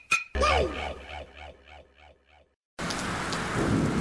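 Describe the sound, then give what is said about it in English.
A sharp crack of thunder breaks into a long, rolling rumble that fades in waves, then after a brief pause heavy rain pours down in a steady, dense hiss. “Top end communities have had it tough with floods and storms, damaging homes and contents.”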